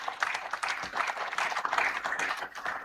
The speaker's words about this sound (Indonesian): Tepuk tangan untuk Ketua Panitia.